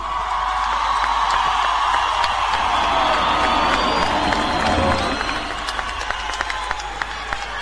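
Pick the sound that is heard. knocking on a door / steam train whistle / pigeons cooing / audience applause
audience applause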